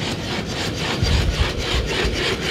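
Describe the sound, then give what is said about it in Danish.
A quadruped robot dog called Spot runs with a steady, rapid rhythm of rasping, scraping mechanical bursts, a low rumble underneath, fairly loud and continuous with no voices. “Og så er det bare det mest creepy robotdyr, der kommer løbende.”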